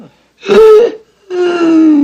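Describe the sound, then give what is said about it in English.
Two loud, strained wheezing breaths from a man struggling for air, each a raspy, voiced rattle lasting about a second, separated by a short pause. “I can't breathe in here. It must be the dust.”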